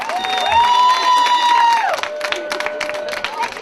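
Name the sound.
audience applause and cheering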